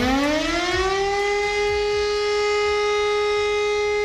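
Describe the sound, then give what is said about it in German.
A civil defense siren sounds the all-clear (Entwarnung) tone on Germany's nationwide warning day: a steady, sustained tone that rises briefly at the start and then holds one pitch, loud and continuous with no voices over it. “Genau, dann hören wir erstmal den Ton für Entwarnung und der klingt so.”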